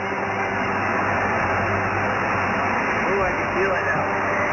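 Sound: street traffic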